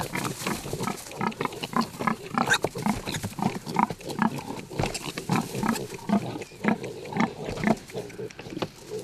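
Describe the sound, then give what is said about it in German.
Pigs grunting and snuffling continuously on an organic farm, a busy overlapping chorus of low, rough grunts with occasional higher squeals, fairly loud throughout and with no talking. “Mit 40 Schweinen hat Hensen seine Ökolandwirtschaft angefangen.”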